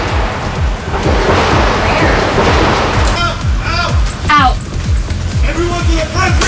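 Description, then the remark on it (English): A rapid, steady string of gunshots from an exchange of gunfire, a dozen or more sharp pops at an even pace under a loud, rumbling wash of noise, with raised voices breaking through toward the end. “NBC's Julie Serkin was about to start a report nearby when the shots rang out.”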